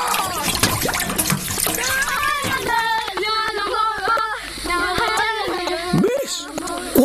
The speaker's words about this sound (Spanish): ¡Agua, agüita! ¡Llévame al río!